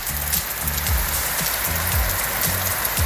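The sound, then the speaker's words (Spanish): Light, fine rain patters steadily and evenly in El Tránsito, in the commune of Alto del Carmen, with a low, pulsing engine or traffic rumble repeating underneath. No one speaks. “Quiere un videito donde esté en este momento lloviendo en el tránsito, siendo a las 15:30.”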